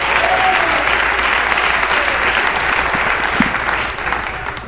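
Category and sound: crowd, audience applauding loudly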